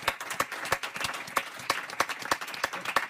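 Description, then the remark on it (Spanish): An audience applauds steadily in thanks to Ícaro, a comedy venue marking 30 years of comedy, a dense patter of many hands clapping with a few sharper, louder claps standing out at a regular pace, sustained throughout. “Un aplauso, moitas grazas para o Ícaro.”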